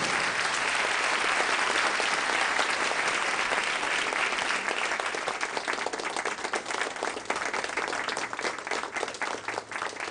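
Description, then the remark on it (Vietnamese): Sustained applause from a large audience at an event, welcoming a performance by a representative of the Military Women's Union; a dense wash of clapping that stays loud and steady, thinning slightly into more distinct claps toward the end. “Xin một tràng pháo tay thật nồng nhiệt”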